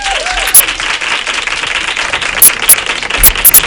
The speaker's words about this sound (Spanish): La quiero igual, así que un aplauso allá donde esté a Laura Márquez.